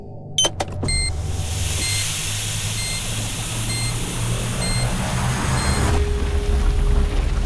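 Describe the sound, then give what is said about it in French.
A cabinet drawer is opened in the Earth room: a few sharp clicks, then a steady mechanical whir and low rumble, with faint high beeps repeating at an even pace over it and a soft tone near the end. “J'ai juste ouvert un tiroir et maintenant, on se trouve carrément sur un volcan.”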